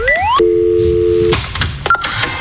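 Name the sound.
telephone line ringing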